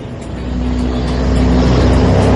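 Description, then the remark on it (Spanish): Traffic noise on a street in colonia Escárate, near Hospital Guadalupe at 18 Sur, as a car engine roars past fast, its broad rumble and hum swelling steadily louder over a couple of seconds, with no voices. “Aquí pasan muy rápido los carros.”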